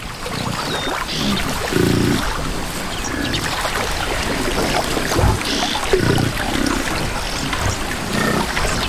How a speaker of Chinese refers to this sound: 一些非洲水牛在出发前下水洗澡，享受河水带来的清凉。